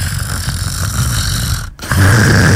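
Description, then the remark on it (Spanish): A person imitates snoring, making loud, rough, rattling breaths, with a brief pause before a harsher, stronger snore-like sound. No one speaks. “Tiene su ronquidito ahí. Ay, su ronquidito.”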